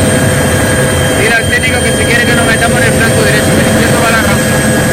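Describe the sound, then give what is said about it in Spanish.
Loud, steady roar of firefighting helicopter engines working over a wildfire at El Romeral, Santa Fe de Mondújar, Almería, Spain, a dense mechanical drone with a persistent high whine, while muffled voices talk underneath. “Así sonaba el trabajo desde los helicópteros.”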